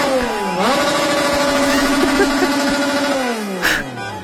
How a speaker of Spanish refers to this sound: A unas horas del México contra Ecuador en el Estadio Azteca, aficionados mexicanos llegaron al hotel de la selección visitante. Llegaron con trompetas, motocicletas y autos para hacer ruido y no dejar dormir al rival antes del partido.